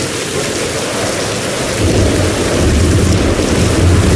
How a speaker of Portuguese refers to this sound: Vaya, eso non é só unha chubascada. Leva vento, é unha treboada, e con tronos e todo.